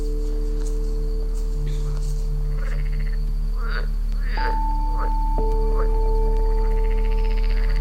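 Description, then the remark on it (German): A few short, rasping frog croaks sound in the middle stretch at night, over a steady low mechanical hum and faint outdoor background. “Welchen Frosch würde ich auch nicht meine beste Show abliefern, wenn überall um mich herum merkwürdige Menschen sind.”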